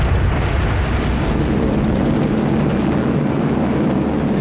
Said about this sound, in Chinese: 1938年11月8日，天空中突然传来大片飞机引擎的轰鸣声。就在这一天，加拿大学校的孩子和当地的百姓一起，共同经历了日军对成都的第一次大轰炸。